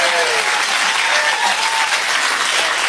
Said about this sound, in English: By the way, that just means the applause sign was turned on.